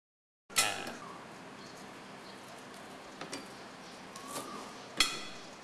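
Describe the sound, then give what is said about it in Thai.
A knife knocks against a cutting board in a few sharp, irregular chops as a peeled stalk of home-grown lemongrass is sliced, fairly clear, with quiet pauses between strokes and a faint background hiss. No one speaks. “เราจะหั่นขึ้นมาประมาณสักนะฮะ1นิ้วนะครับแล้วก็ลอกเอาเนี่ยออกนะครับแค่นี้เองนะครับแล้วก็หั่นนะฮะ”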